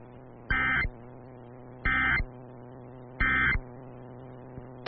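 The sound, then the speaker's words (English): Emergency alert system tones during a broadcast test of the emergency alert system in the Sioux Falls area: three identical harsh electronic bursts, each under half a second, evenly spaced and loud, over a steady low background hum with no talking. “If this had been an actual emergency, official messages would have followed the alert tones.”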